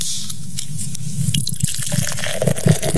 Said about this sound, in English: Yes, dude pops open another can. Apparently there was one unopened beer left in the car.